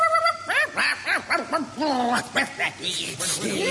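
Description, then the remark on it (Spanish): About 30 dogs bark in a rapid, overlapping flurry, loud, with some higher yips mixed into the steady run of barks, as they chase someone along a waterfront promenade. “Seguida por 30 perros que me ladraban.”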